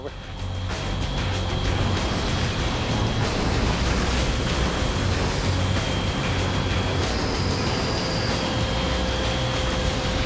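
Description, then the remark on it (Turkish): A heavy machine rumbles steadily, a deep engine drone with a grinding, scraping wash of noise as it pushes snow, dumped onto the railway tracks from the sides, off the rails so a train can pass, with faint high whines on top. “Ve Kyle da bu karları iterek temizleyebilir.”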